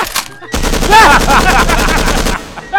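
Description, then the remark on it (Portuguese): A sustained burst of rapid automatic gunfire, loud and dense, lasting about two seconds with a fast rattling rhythm, then cutting off abruptly into quieter background. “Quando tu estiver correndo e eu chegar no 3, eu vou começar a atirar”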